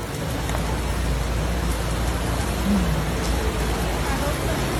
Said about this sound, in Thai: ส่วนที่ขอนแก่นฝนตกต่อเนื่องในหลายพื้นที่ของตัวเมืองขอนแก่นและก่อให้เกิดปัญหาน้ำระบายไม่ทันเป็นภาพอย่างที่เห็นเนี่ยท่านผู้ชมฮะนี่เป็นบริเวณหน้าเซ็นทรัลขอนแก่นน้ำท่วมทุกช่องการจราจรและรวมถึงที่หน้าสวนสาธารณะบึงแก่นนคร